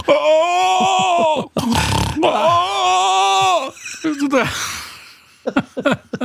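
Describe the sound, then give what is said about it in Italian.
A voice imitates an elderly woman's mix of snoring and groaning, with drawn-out moaning tones broken by rough, raspy rattling breaths, fairly loud, ending in a few short choppy sounds. “Era un misto fra russare e rantolio.”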